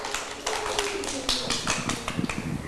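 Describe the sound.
A group of children in a class clap their hands for a classmate who has just named the fruits they like to eat, a quick, uneven patter of sharp claps that carries on throughout, with voices mixed in underneath.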